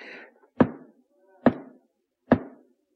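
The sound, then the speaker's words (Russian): Three firm, evenly spaced knocks on a door, each a solid thud with a short wooden ring, clear with quiet pauses between them. “Впусти, кто там стучит?”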